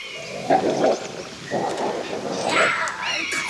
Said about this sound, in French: Ouh là là! On dirait que ça va barder dans ce coin de forêt. Approchons avec prudence pour voir ce qui se passe. Oh, Mazette, des loups! L'affrontement de deux fauves se prépare.